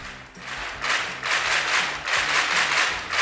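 A burst of steady, dense applause from a small group during the Es Radio radio show, crisp clapping that swells and eases slightly over a few seconds, with a faint low musical bed underneath and no talking.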